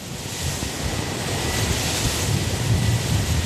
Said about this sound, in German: Ein heißer, windiger Tag im östlichen Wiener Becken. Hier stehen jede Menge Windräder. Auf den Äckern, Hügeln und Weinbergen dieser flachen Gegend drehen sich leise surrend die Flügel der Windturbinen.